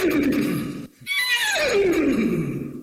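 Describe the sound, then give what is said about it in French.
A person imitates a horse's whinny, a loud voiced call that breaks briefly, then rises into a high quavering neigh sliding downward in pitch over about three seconds. “Mais je vais vous faire le cheval, si vous voulez.”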